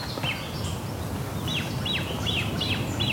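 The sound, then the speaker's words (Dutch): Repeated high, thin piping calls of great crested grebe chicks begging, with their parents still present, coming in a steady series of short downward-sweeping notes over a constant low background rumble. “Bedelende voet. En die heeft, daar heeft nog wel net op te bedelen, want die ouders zijn er nog bij.”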